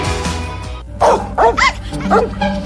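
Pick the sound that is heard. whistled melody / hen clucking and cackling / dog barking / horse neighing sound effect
dog barking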